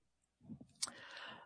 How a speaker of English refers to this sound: This is what it sounds like when I'm typing.